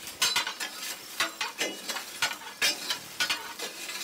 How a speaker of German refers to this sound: die Entwässerungsventil klappert da vor sich hin und irgendwas rauscht immer, irgendwas zischt